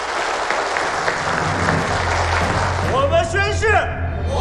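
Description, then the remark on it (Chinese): Sustained audience applause fills the space, a dense wash of clapping from a large crowd, with a voice briefly rising over it near the end, as 100 Fengqiao city police station chiefs are invited onto the stage. “我们掌声有请各位。”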